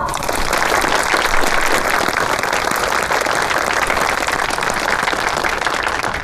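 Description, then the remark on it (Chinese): Warm, sustained applause from an audience at an evening gathering, given in thanks to Colonel Kuroda: a dense, steady crackle of many hands clapping at an even loudness for several seconds, with no voices standing out. “各位同仁，各位亲友，让我们以热烈的掌声感谢黑田大佐。”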